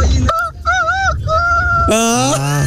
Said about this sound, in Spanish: Escuche este gallo, escuche.